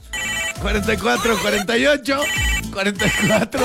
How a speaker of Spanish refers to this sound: Teléfono en cabina